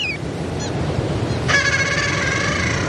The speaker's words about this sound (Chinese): 海面上的雅海亚爸爸还在焦急地呼唤着雏鸟。雏鸟听见了叫声，也努力回应着。